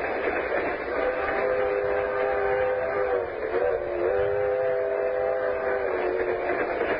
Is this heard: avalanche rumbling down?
no